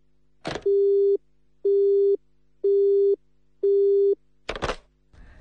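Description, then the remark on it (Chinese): A telephone busy tone after a call is hung up beeps four times in a steady, evenly spaced rhythm, loud, bracketed by brief clicks and rustling handset noises at the start and end. “没别的事儿，我就挂电话了啊！”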